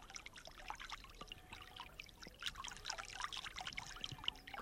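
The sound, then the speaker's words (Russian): A small stream, the Kervil river, trickles and burbles steadily in a green grove, with bright bubbling splashes over a continuous watery hiss. It sounds fairly quiet, with no voices. “В одном из таких оазисов мне и посчастливилось, наконец, услышать голос речки Кервиль.”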